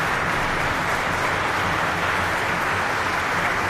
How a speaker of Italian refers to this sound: E sfumano gli applausi.